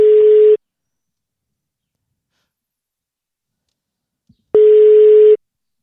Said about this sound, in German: Und das Telefon klingelt, hoffentlich geht dran. Ja, das ist jetzt aufregend.